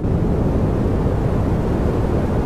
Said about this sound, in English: That's pink noise. Why is that categorised as pink? I'll tell you. Deeper and more natural sounding than white, with more energy and lower frequencies, shown to improve sleep quality and memory consolidation.